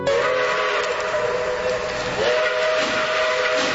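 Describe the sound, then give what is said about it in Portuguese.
A steam train whistle blows in a long, sustained tone with a brief dip partway through, riding over a steady hiss of steam, as the train cuts through the mountains of Minas Gerais. Loud, with no voices. “É, ouvinte, o trem já vem cortando as montanhas de Minas Gerais e vou estar indo nesse trem, prometendo voltar, permitindo Deus uma próxima oportunidade.”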